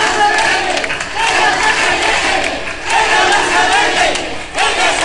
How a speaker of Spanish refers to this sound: Tras escuchar el himno ceutí, hubo un minuto de ovación y este cántico principalmente.